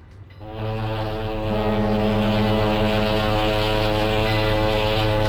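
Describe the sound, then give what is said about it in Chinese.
A ship's steam whistle sounds one long, loud, steady blast that starts after a brief quiet moment and holds for several seconds, deep and resonant with a rich harmonic tone, as a passenger ship from Shanghai docks slowly at the pier in Hong Kong. “一声汽笛长鸣，从上海直达香港的客轮缓缓靠岸，原本清静的香港码头顿时热闹起来。”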